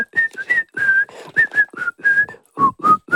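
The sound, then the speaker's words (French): Someone whistles the program's bright theme tune, a quick string of clear notes in short phrases with brief breaths between them, and no talking. “qui siffle”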